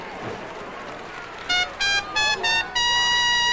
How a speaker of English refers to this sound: Didn't know I could play the bugle, did you? I'm still not.